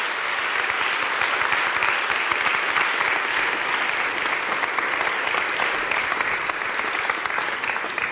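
Sustained applause from a large audience, dense and steady clapping that fills the whole stretch at a fairly loud, even level with no voices standing out.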